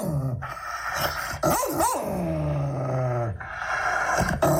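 A dog barks and growls up close, a run of rough, loud barks mixed with low rumbling growls, with no voices.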